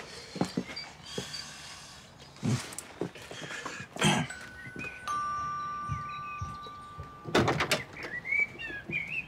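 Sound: doorbell ringing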